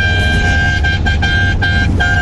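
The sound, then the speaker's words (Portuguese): A steady, loud blare of car horns honking together in a mass honking event (buzinaço) near its end, sustained tones layered over one another with brief dips and stutters over low traffic rumble. “Que buzinada boa, tá quase acabando, tá acabando o buzinaço, hein?”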